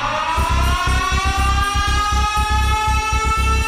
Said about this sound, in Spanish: Información importantísima. Enciendo la alarma.